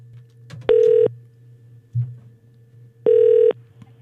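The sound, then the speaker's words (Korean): A telephone ringback tone plays twice, each steady electronic burst lasting about a third of a second, separated by a long pause with a low hum underneath, as a Far East Broadcasting (극동방송) radio programme host phones a listener. “자, 그 직원을 한번 제가 지난번에 전화 연결했었는데 교회를 가셨다라는 이 사장님의 문자가 도착해서 제가 전화 한번 연결해 보겠습니다.”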